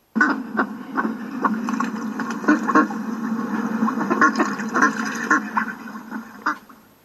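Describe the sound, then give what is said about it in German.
Steady quacking from ducks, a flurry of repeated calls with short sharp bursts over a continuous low murmur, lasting several seconds with no talking. “Es war einmal eine Entenmutter. Sie lebte auf einem Bauernhof.”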